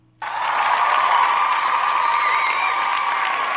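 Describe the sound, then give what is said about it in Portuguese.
A crowd bursts into sustained applause that starts abruptly and holds steady and loud for several seconds, a dense wash of clapping with a few cheers mixed in. “Rapaz, o cara só vem pra ganhar aplauso, mas é isso mesmo.”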